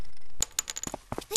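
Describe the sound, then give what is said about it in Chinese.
A pencil clatters onto a hard floor, then bounces and rolls with a quick, irregular run of light ticks and taps, fairly crisp, with no voices. “哎，滚到哪里去了呢？”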